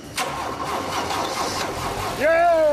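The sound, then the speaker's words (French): A rebuilt car engine, worked on for three weeks, cranks with a rapid, grinding starter whir for about two seconds, then catches and fires up into a steady, humming idle that rises slightly in pitch and loudness. “Là, c'est le moment où on va savoir si tout ce travail a payé et si le moteur va démarrer.”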